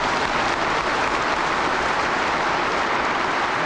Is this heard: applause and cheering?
yes